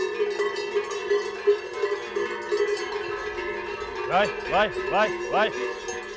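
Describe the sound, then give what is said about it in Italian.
Livestock bells from a collection of bells ring continuously in a dense metallic jangle of overlapping tones. Near the end, four short swooping tones rise and fall over the ringing. “Qua è tutta la mia collezione di campane, una parte.”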